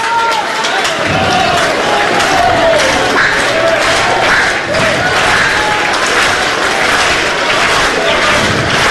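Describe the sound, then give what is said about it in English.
A large stadium crowd of standing Georgia fans at a baseball game claps steadily throughout, in the bottom of the ninth inning of a 9-9 game, a dense wash of applause mixed with cheering and crowd noise that stays loud and continuous from start to finish. “Everyone standing here. Georgia fans clapping right now.”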